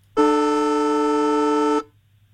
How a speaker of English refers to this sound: the extra time siren. Mm-hmm. Yep. Beautiful, beautiful. Just week one of the finals of the NRL.